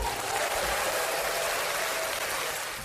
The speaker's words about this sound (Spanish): No puede ser nada más que, bueno, todo el mundo de pie aplaudiendo como locos.